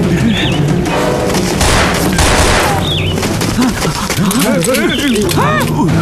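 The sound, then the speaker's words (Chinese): Dense, continuous gunfire with bursts of rapid shots and heavy booms, loud throughout, with shouting voices mixed into the chaotic din of a battle with the New Fourth Army. “队长，一定是姚副官和新四军打起来了”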